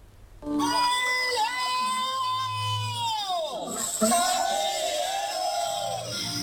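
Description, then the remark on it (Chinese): A group of people cheers with loud, drawn-out shouts at the opening of the fifth Wuchang Korean-ethnic tribute rice harvest festival at the Heliang farming base in China. One long call swoops downward partway through, then a second sustained cheer follows, and the crowd stays loud to the end. “随着一声声欢呼，第五届五常朝鲜族贡米开镰节在河梁农业基地火热启幕。”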